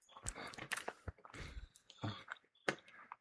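Someone chews chicken with wet, smacking mouth noises and soft clicks, coming in irregular bursts over a few seconds at a moderate loudness.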